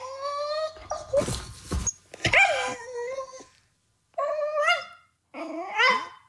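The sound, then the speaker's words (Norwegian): A dog grumbles and whines in drawn-out, cat-like mewling tones when it wants attention, a few wavering bursts separated by short pauses, with no one talking. “Og så sier hun at når han ikke får det, så murrer han som en katt.”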